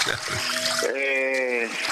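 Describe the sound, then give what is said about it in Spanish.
Steady trickling water runs throughout, a fairly loud continuous splashy hiss, while a thin, wavering, out-of-tune flute tone rises above it partway through. “Y bueno, pero el agua lo está tapando, entonces cada vez no se escucha mucho la nariz.”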